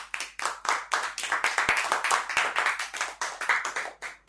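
A group of children clap together in a fast, steady burst of applause, close and fairly loud, lasting a few seconds with no one speaking.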